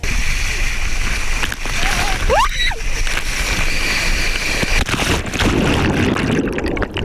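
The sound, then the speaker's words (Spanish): A brief high scream rises and falls over a dense wash of rushing water, followed by splashing and sloshing as someone plunges in off a water slide at Playa Park. “Bueno, eso es un grito en el tobogán y una zambullida.”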